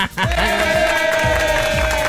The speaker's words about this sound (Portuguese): Palmas pra ele!